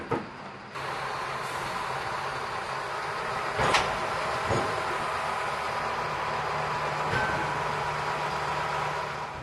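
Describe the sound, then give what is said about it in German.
A steady, loud mechanical rumble of a shunting tractor moving a train off a ferry in the harbour onto the Swedish mainland and into Trelleborg ferry station, with a few sharp metallic clanks and knocks cutting through, and no voices. “Im Hafen erwartet uns wieder der Rangiertraktor. Er wird den Zug auf das schwedische Festland und in den Fährbahnhof Trelleborg rangieren.”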